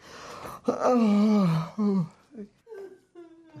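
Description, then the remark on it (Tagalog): A mother cries and moans in her room at three in the morning, starting with a sharp gasp, then a long wavering wail that falls in pitch, followed by shorter broken sobbing moans. “Boses ni ina yun ah. Parang umiiyak.”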